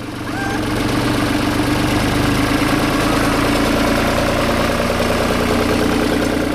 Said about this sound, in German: Beim Soundcheck fährt ein Trecker vorbei.